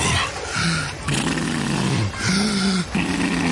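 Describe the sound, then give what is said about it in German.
A voice imitates the heavy, walrus-like breathing of seniors swimming breaststroke in a pool: a few loud, rough, growling snorts and wheezes in a slow rhythm, each long grunting breath separated by brief gasps. “Die brustschwimmenden Senioren mit Walrossatmung.”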